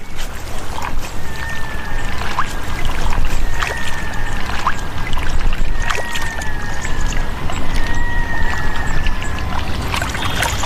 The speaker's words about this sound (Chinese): 雌性棕熊洗澡时还可以吃点零食，池塘里的水草富含矿物质，对棕熊来说是有益健康的食物。